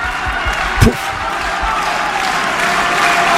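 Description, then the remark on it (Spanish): A large tennis stadium crowd at the Lenglen court applauds steadily in the second set, a dense wash of clapping, with one sharp thud near the start cutting through the sustained applause, before Pablo Carreño serves at set point. “Aplaude la Sosa Lenglen.”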